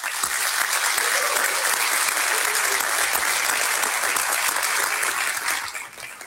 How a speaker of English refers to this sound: So this time, let's have a round of applause for both of our candidates.